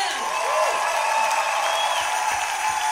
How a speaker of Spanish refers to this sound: Porque un aplauso con más fuerza para el Señor esta tarde aquí. Vamos a aplaudir a él.